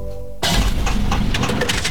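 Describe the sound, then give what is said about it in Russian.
A car engine breaking down from corrosion and overheating: a brief low droning hum suddenly gives way to loud, rough, rattling noise with irregular sputtering bursts that continue to the end. “Слышали? Так прощается двигатель. Коррозия, перегрев и привет, капиталка.”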